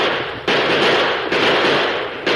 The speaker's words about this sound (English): At the first crack of the six guns, the Apaches whirled in confusion.